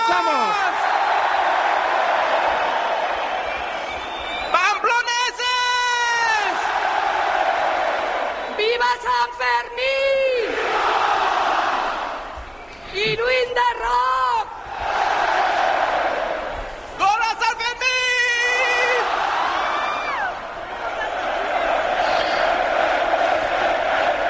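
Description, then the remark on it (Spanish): A large crowd in the town hall square (Plaza del Ayuntamiento) of Pamplona roars continuously at the start of the San Fermín festival on 6 July, awaiting the chupinazo, with four loud surges of rhythmic chanting and shouting rising above the steady din at regular intervals. “Sonido en directo desde la plaza del Ayuntamiento de Pamplona.”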